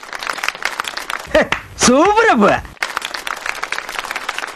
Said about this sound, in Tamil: அவங்களுக்கு ஒரு சூப்பரான கைத்தட்டல் கொடுத்துடலாம்.